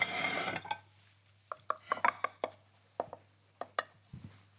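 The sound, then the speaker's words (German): A knife slices through a quiche in a baking dish, giving a dozen or so sharp, irregular taps and scrapes against the dish after a brief rustling start, with no talking. “gucken wir mal, ob wir das gescheit geschnitten kriegen hier.”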